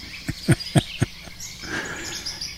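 Five woodpecker knocks tap out at a steady, unhurried pace, then stop, leaving an outdoor ambience of faint chirping insects and distant birdsong with no one speaking.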